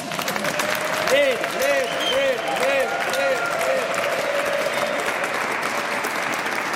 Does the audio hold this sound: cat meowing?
no